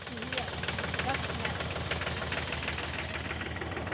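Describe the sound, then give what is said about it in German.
A tractor engine idles with a steady, rhythmic knocking chug that runs through the whole stretch, while people talk over it. “In Büren und Umgebung gibt es offenbar ein Treckerfahrer-Netzwerk.”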